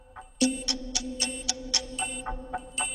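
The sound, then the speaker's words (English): A quiz game buzzer kicks in with a steady low droning tone, accompanied by rapid, evenly spaced ticking clicks that continue for a few seconds. No one speaks. “Well, we got buzzed before you could submit an answer.”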